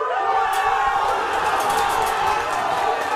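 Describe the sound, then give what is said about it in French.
A huge stadium crowd in Casablanca erupts at the 21st minute of a Morocco football match, roaring and cheering in a dense, unbroken wall of voices, loud and steady throughout, with shouts and whistles rising out of the din. “Et puis, c'est l'explosion à la 21e minute.”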